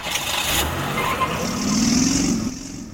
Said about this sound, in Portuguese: Lemos TV, para todo mundo ver a cidade de Codó, o trânsito de Codó. É, aqui você está vendo, nós estamos acompanhando como é que flui o trânsito, principalmente no horário de pico.